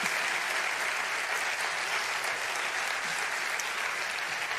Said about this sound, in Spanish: Ahora vamos a esperar que se vayan. Asociación Músico Cultural Maestro Miguel de Villargordo. Otro aplauso y así los ayudamos a que vayan saliendo tranquilos.